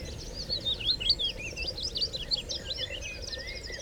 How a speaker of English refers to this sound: So it's scientifically proven that bird song and the natural sounds of nature in general are very calming for the mind. It's been proven to lower heart rate, lower cortisol levels, for people who are suffering from depression, anxiety.